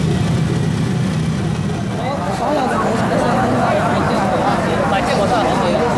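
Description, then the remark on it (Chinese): Dense morning rush-hour street traffic as a mother cycles among commuters, with car and bus engines rumbling and droning steadily, mixed with indistinct crowd chatter throughout. “忙活了一大早，妈妈骑车赶往翁记新店，和刚刚起床的上班族一起融入到早高峰的车流中。”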